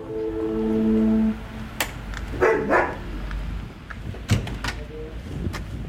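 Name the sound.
dogs barking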